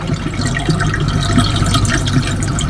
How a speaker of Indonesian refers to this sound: Selain aliran sungai di sini deras dan luas arah untuk melakukan pertapaan, di sini juga tepat menghadap matahari tenggelam.